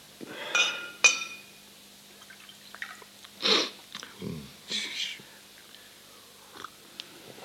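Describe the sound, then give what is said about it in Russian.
Two bright clinks of glass on glass ring out, followed by brief splashing bursts of water poured from a carafe into a glass, with a soft gurgle and a few faint taps afterward. “Вода у вас в графине свежая?”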